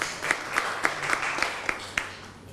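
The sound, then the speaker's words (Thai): A group applauds the representatives of a class group as they come to the front to present, at a soft, even level, with a wash of scattered clapping under a steady rhythm of sharper claps about every quarter second. The applause fades slightly at the end. “เดี๋ยวเชิญอีกหนึ่งกลุ่มด้านหน้าได้เลยครับอ่ะปรบมือให้กับตัวแทนกลุ่มนี้นะครับในระหว่างที่เพื่อนมานะฮะ”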